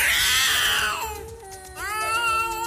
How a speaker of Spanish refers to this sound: pelea de gatos eso ahí arriba.